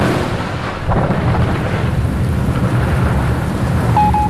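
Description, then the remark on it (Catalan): A violent tropical cyclone with wild winds roars steadily with heavy rain and deep rolling thunder, a sharp crack breaking in about a second in, the dense low rumble continuing loud throughout. “Però al seu davant s'aixeca un monstre, un cicló tropical amb vents salvatges.”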